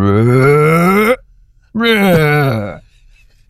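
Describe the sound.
A person vocally imitates humpback whale song with two long, wavering low moans, the second sliding downward in pitch, loud and separated by a short pause.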